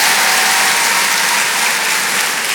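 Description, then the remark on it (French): Loud, steady applause from an audience, a dense crackle of many hands clapping without pause for a few seconds, with no voices standing out. “Merci, merci, mais vous savez, ça devrait tellement être normal, il ne faudrait même pas les applaudir, ces filles.”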